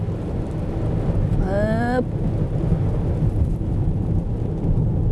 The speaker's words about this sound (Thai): ฝนผสมหิมะผสมหมอกทีอินวันสะใจไปเลยครบสูตรฤดูหนาว